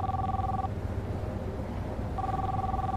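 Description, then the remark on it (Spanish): A phone dialed from inside a car to Galveston air cargo rings on the other end: a steady two-tone ringback burst, a pause of about a second and a half, then the tone returns, over a low engine-like rumble. “En su auto, Derrick frunce el ceño y marca en su teléfono.”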